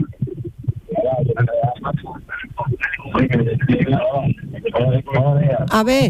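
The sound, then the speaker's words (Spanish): A radio plays in the background of a muffled, narrowband telephone line, with voices talking continuously over it and a brief brighter, tonal burst near the end. “Baja la radio y que alguien se acerque bien al teléfono, porque si no, no se escucha bien, ¿eh?”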